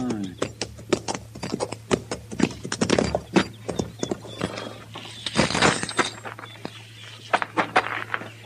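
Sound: horses' hooves clip-clopping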